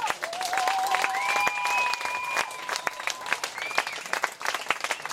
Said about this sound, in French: Pour vous applaudir très très très très fort, c'est génial, hein. C'est bien. C'est super.